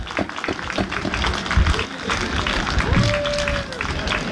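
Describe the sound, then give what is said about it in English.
A room full of people applauding, a dense, steady crackle of many hands clapping that holds at an even loudness throughout, with a brief high tone sounding partway through. “So before we continue, if you could just all give our thanks with a round of applause for that, those individuals.”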